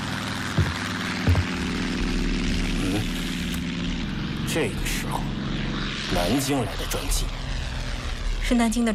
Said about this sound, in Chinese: 南京来的专机，是南京的专机，突然到的。南京，现在，这个时间点太不寻常了。